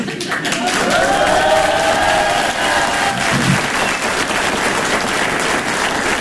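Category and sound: crowd, audience applauding loudly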